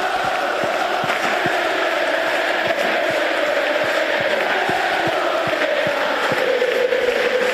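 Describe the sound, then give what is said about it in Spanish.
A large football crowd chants and shouts together in a steady, unbroken roar, with rhythmic accents thumping through the massed voices throughout, including shouts of "quédate" (stay) for players Pello Canales and Gustavo Puerta. “Hubo cánticos para todos, pero especialmente significativos fueron los gritos de quédate para Pello Canales y Gustavo Puerta.”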